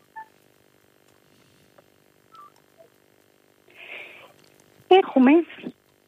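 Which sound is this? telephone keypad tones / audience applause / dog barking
telephone keypad tones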